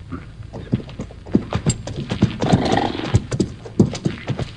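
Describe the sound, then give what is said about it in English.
A dog-tired roan horse's hooves clop steadily in an uneven, quickening rhythm as it approaches and pulls up in the desert, with a loud, wavering whinny rising briefly in the middle before the hoofbeats carry on. “Only when the dog-tired roan pulled up alongside him did Hoppy understand it.”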